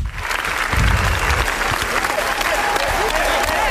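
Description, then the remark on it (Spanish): A large audience at the Cannes film festival gives a standing ovation of about 20 minutes for Los Javis' film La Bola Negra, a dense, steady, loud roar of clapping with faint cheers woven through and no pause from start to finish. “Ayer fue el turno de los Javis, que presentaron La Bola Negra, por la cual recibieron 20 minutos de aplausos.”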